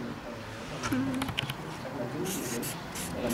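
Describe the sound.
Scratchy strokes of a marker or chalk on a board come in short bursts, some quick and clustered, others longer and smeared, with a faint voice murmuring in the background.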